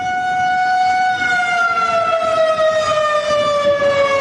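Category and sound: signal or alarm, air raid warning siren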